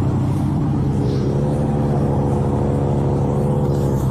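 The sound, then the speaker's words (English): A car engine rumbles steadily, a low, even idling drone with a faint whir, as the car is pulled over by a sheriff's deputy at a traffic stop in Lake Worth, holding at the same loudness throughout with no voices. “he's just pulled her over. Walk into the car.”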